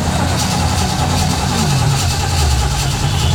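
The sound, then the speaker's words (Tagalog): A jeepney engine rumbles steadily at idle with a deep, throbbing low drone and a slight rise in pitch partway through, loud throughout. “Wala na ilain gasolina, jeepney?”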